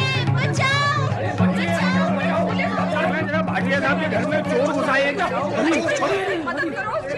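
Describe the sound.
A loud commotion of many voices talking and calling out over one another, a steady overlapping babble that runs the whole time, with a few chuckles mixed in.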